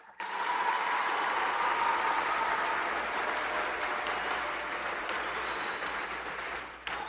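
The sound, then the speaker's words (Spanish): A crowd breaks into steady, sustained applause for the health professionals who are present, a dense wash of clapping that holds at an even level for several seconds before tapering off slightly at the end. “Llegan los profesionales de la salud, que un aplauso porque algunos andan por aquí.”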